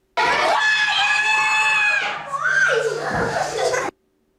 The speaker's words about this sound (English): Quiet, she was shouting there. I thought that was a bit louder than he was, actually, to be honest. That was her during one of her school sessions.